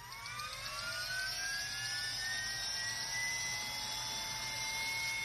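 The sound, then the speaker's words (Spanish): A helicopter's turbine whine steadily rises in pitch as the engine spools up before takeoff, a loud, sustained mechanical drone with a low rotor rumble beneath, building. “Y ahí un helicóptero está a punto de despegar.”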